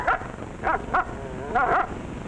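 A dog, called Isabella, the canine queen, gives several short, yappy barks at irregular intervals, with a thin, wavering whimper in between before a final pair of barks. No one speaks.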